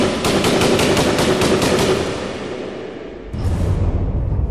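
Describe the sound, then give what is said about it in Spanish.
A loud burst of machine-gun fire from two machine guns, about eight or nine rapid shots in a steady rhythm, trails off into a rumbling echo before another heavy blast of noise cuts in. “Pero la última ráfaga se queda todo en silencio.”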